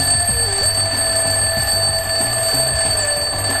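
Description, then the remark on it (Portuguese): An alarm clock rings continuously and loudly for the whole stretch, a steady shrill electronic tone with a faint rhythmic pulsing beneath it and no voices. “Por que algumas pessoas colocam o despertador debaixo do travesseiro?”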